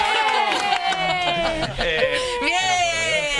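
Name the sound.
eerie applause sound effect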